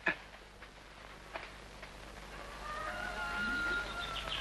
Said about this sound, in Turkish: Kalk ulan Veli, horozlar öttü, kalk!